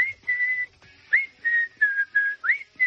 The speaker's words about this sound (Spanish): Bueno, el que silba la canción es